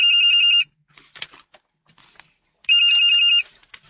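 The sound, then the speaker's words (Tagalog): A mobile phone rings with an incoming call: two loud, bright electronic ringtone bursts about two seconds apart, with faint scattered clatter and background noise in between. “May nanawag sa imong phone!”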